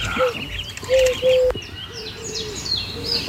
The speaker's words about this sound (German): Sie ruft, die Taube ruft, Totenfroh, Totenfroh.